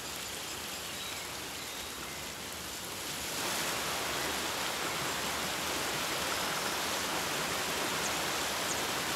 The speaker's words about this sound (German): Regenwasser sammelt sich in vielen kleinen Bächen.